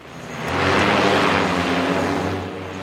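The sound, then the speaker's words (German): An interceptor drone, meant to catch another drone with a net, takes off at a Bundeswehr site on the disused Berlin-Tegel airport with a loud, steady motor whine and rushing buzz that swells quickly, holds for a couple of seconds, then begins to ease off. No voices are heard. “Eine Abfangdrohne steigt auf.”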